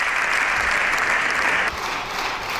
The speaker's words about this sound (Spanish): En estos momentos la bancada popular está en pie aplaudiendo al líder del PP, a Núñez Feijóo, en ese turno de réplica que veremos si también asumen el resto de grupos parlamentarios.